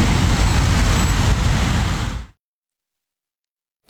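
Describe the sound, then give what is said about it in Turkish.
A loud, steady wash of vehicle noise with engines rumbling low at a crowded bus terminal in Istanbul, Turkey, with buses and traffic as holiday travelers return to the city, lasting about two seconds before cutting abruptly to silence. “İstanbul'a dönüşler başlayınca otogarlarda yeniden doldu taştı.”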